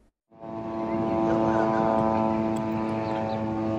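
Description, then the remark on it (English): A constant, steady buzzing whir of Israeli military drones flying overhead in Gaza, rising in after a brief quiet start and holding level and fairly loud, with a layered engine-like hum throughout. “A Gaza that is frozen in ruins, with the constant whir of Israeli drones flying overhead.”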